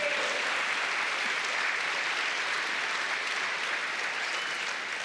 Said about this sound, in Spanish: Den un aplauso al Señor, hermano.